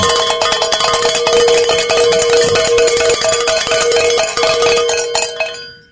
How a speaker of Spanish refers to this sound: antes de que entres al aire, me tienes que ayudar a sonar las campanas, porque pues hemos llegado a nuestra meta de la última hora.